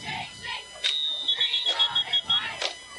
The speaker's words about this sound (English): We have some whistles here. Official timeout for something.